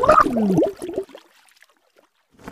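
A short burst of warbling, gurgling underwater bubbling, likely voiced by a person, loud and close for under a second, then fading into near silence with a faint rustle at the end.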